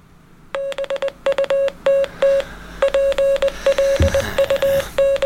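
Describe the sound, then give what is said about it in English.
Morse code beeps: a single steady mid-pitched tone keyed on and off in a quick, uneven run of short dots and longer dashes, fairly loud, with no voices. “That is Morse code, but now you have to guess.”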